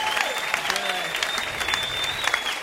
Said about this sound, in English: How about a round of applause for everyone that you've seen tonight, huh?